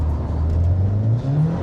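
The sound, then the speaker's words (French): A 320-horsepower front-wheel-drive Civic with a manual gearbox launches from a standstill using launch control at the start of a timed lap, its engine roaring loudly with a steadily rising pitch, a brief dip partway through before climbing again. No one speaks. “320 chevaux à passer aux roues avant au départ.”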